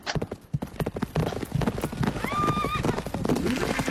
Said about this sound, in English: That is correct. It was indeed a horse race. So the first thing broadcast in colour in America.